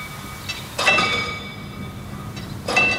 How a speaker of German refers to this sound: Diese Schranke wird auch noch manuell bedient. Und es klingt auch noch richtig schön nach alter Eisenbahn.